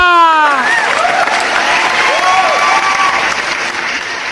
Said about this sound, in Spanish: Y también fuerte el aplauso para los juanetes de la guanaja.